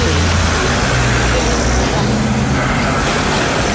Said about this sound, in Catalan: I aquesta és una de les poquetes imatges que en tenim. Així en marxava, en un cotxe, sense parar-se davant la premsa, Gianni Infantino.